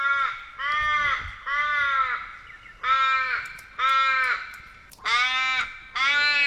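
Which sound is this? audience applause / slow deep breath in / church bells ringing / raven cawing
raven cawing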